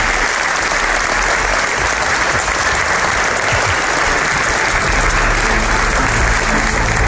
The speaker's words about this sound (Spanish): Quería dar las gracias también a todos los amigos de Toledo que han venido a la realización de este programa, a quien les pido un fuerte aplauso aquí en la cabecera de la propia Catedral de Toledo.